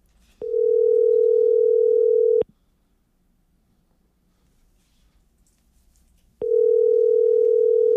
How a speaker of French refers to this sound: Et allez, répond. C'est-tu notre téléphone, coudon? Non, c'est pas notre téléphone. Mais non, il fonctionne, ça sonne. Ben oui. Et juste à l'autre bout, ça répond pas.